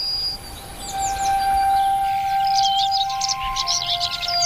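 Many birds sing at once in a dense dawn chorus, bright overlapping chirps and trills filling the air, with a steady high tone humming faintly underneath.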